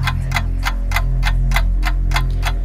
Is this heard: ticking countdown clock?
yes